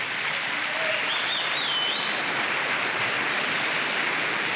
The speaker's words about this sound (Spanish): Alguien dele palmas al Señor por eso.